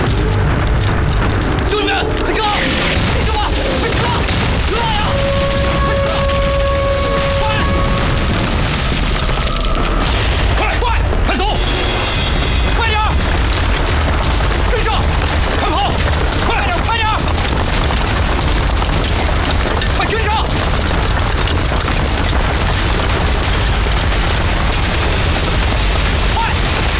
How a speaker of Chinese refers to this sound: 北大营有炮声传来，会不会是日本人打过来了？